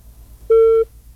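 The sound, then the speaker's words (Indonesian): A telephone busy tone sounds after a regular phone call drops: a steady electronic beep lasting about a third of a second, then another beginning right after, clear over faint low hum. “Aduh, terputus, sayang sekali.”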